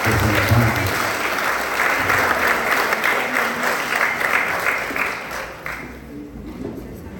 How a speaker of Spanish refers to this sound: Paz y bien, esperemos, vamos a dar fuertes aplausos a los equipos que están acá.